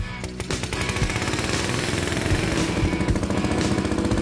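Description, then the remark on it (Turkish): The engine of a 1950 Nash Super Tripper tractor, running in third gear, chugs steadily and loudly. Its rapid low pulses hammer out an even rhythm with a rough, rattling edge throughout, and no voices are over it. “1950 yılında Nash Super Tripper traktörün satış fiyatı 186 sterlindi.”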